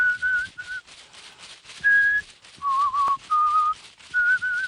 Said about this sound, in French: Les feuilles claquent. La fumée caresse. L'homme siffle.